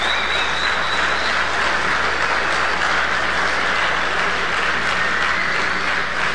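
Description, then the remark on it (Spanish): A crowd applauds for the Lord Jesus Christ in a steady, dense wash of clapping that holds at an even loudness for several seconds without any talking, with a faint high whistle-like tone at the start. “A ver, demos un aplauso al Señor Jesucristo.”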